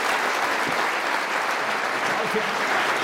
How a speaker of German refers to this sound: Florian Schröder, tschüss. Großen Applaus, bitte.